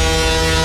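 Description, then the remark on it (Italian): The EuroMillions lottery super jackpot sound effect: one loud, steady, brassy horn-like blast, rich and buzzing, lasting under a second with no voices. “E questo è il suono del super jackpot di Euro Millions.”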